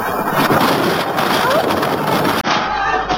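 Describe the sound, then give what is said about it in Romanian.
Water from a flood sloshes and laps steadily in a dense, hissing wash of sound, loud throughout, with a brief dip after two seconds before the churning continues more muffled. “Nu e lucru curat, dar parcă se aude un clipoci ciudat. Ia uite, apă, e inundație, să fugim!”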